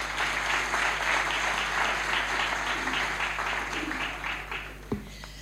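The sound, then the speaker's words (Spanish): A crowd applauds its invited guests with steady, dense, sustained clapping that continues for several seconds, then starts to thin out near the end. No one speaks over it. “Un aplauso para ustedes.”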